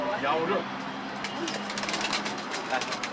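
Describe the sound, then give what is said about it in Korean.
Pigeons coo softly, low throaty murmurs repeating over a steady rustling background with scattered flutters and shuffling, in a coop on a home veranda where an elderly man keeps his birds. “비둘기 박물관의 온드. 다양한 새들이 살고 있었는데요”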